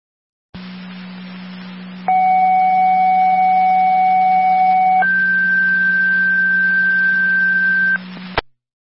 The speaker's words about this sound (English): Ground Control, Tri-Community. Second set of tones for a Unit 2 call for the Mutual Aid. City Niagara Falls, EMT needed.